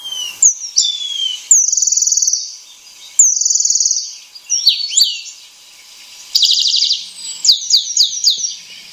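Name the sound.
eurasian penduline tit song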